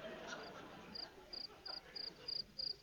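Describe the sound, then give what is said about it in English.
A cricket chirps in short, high, buzzy pulses, repeating at a steady rhythm about six times after a brief quiet start, clear above a faint background hum. “Listen, what's making that noise? The cricket.”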